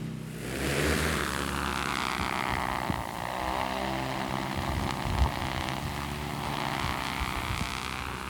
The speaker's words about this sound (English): All right, we're ready to launch the drone. Copy. Tell me precisely where you want it. So if your drops are slightly below the contour, that would be perfect. Okay, launching.